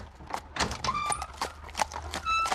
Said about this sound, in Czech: To je Roderick. Vede Krištofova koně a Vojtěchova.